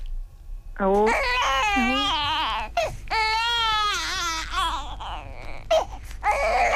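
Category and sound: human body sound, baby crying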